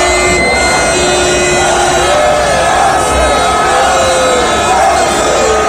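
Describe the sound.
A large crowd of Arsenal fans lining the streets of North London for an open-top bus parade makes a loud, steady roar of overlapping voices and cheers, with thin whistle-like tones threading through the din the whole time.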